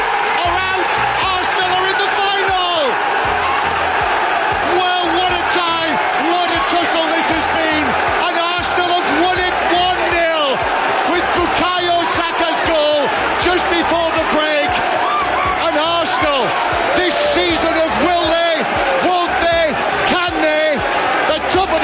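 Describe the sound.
A football crowd at the Emirates in North London roars and cheers continuously at high volume at the final whistle as Arsenal beat Atletico Madrid 1-0 to reach the Champions League final, with excited high-pitched shrieks rising through the din and a voice talking loudly over the noise.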